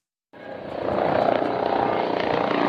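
Two German Federal Police helicopters, loaded with sensitive radiation-measuring equipment, landing at the Kaufbeuren air base in Swabia: loud, steady rotor and engine roar begins abruptly and holds constant, with a dense whirring drone and rapid rhythmic thudding of the blades.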